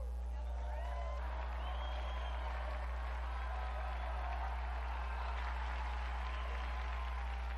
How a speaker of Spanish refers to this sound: Unidos pues a estas iglesias y a cuantos están dispuestos a dar su propia piel por el Evangelio de Jesús, brindemos nuestro vivo aplauso a San Bartolomé Apóstol.